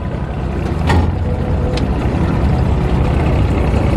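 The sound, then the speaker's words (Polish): The engine of an aluminium motorboat with four benches drones steadily with a loud, low rumble as it reverses and pulls away on a river, briefly surging early on, with a couple of short knocks or clicks over the churning noise and no voices. “I teraz jedziemy na wstecznym i cofamy i ruszamy.”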